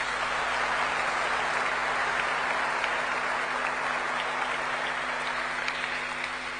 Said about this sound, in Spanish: como así también para todos nosotros presentes el día de hoy, un fuerte y caluroso aplauso, mis queridos hermanos.